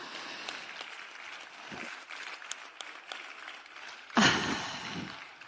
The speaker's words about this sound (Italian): Quindi grazie veramente, ancora un applauso.